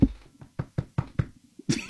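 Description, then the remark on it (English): A quick series of about seven sharp knocks on wood, evenly paced, ending with a slightly louder, harder rap. No voices are heard. “You have to knock on wood.”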